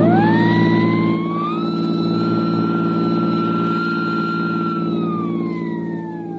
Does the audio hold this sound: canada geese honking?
no